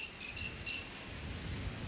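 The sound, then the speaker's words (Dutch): Several crickets chirp in short, repeated high-pitched trills, overlapping against a steady low rumble of background noise, with no voices. “Een soort insect. Een beetje krekelachtig. Dat zouden zeker krekels kunnen zijn. Het is er ook meer dan één.”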